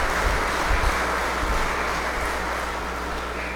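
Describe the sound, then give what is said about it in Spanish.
An audience at a Catholic Mass claps together in thanksgiving for a 40-day-old baby, a dense, steady wash of applause holding at an even volume for a few seconds with no voices over it. “regalémosle también un fuerte aplauso”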